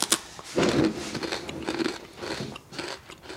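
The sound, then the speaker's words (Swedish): Crisp, crackly bites and chewing of crispbread, a sharp crunch at the start followed by a run of irregular crunching chews, fairly loud with no talking. “knäcke är verkligen inte lätt att få dem att se storheten i”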